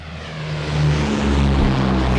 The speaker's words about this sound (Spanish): Esos son los aviones que despegan, que no son los de ellos. No son los de ellos.